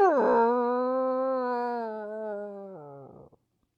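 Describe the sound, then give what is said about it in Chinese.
A single long howl, voiced by a person imitating a small sighthound howling up at the full moon like a wolf, holds a steady pitch for about three seconds before sliding down and breaking off. It is loud and heard alone. “哎呀，就像是只狼似的，圆月间这狼一看到月亮就吼就笑，这狗跟他一样啊。”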